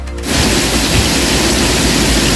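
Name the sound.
rain falling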